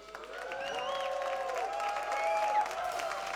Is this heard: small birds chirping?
no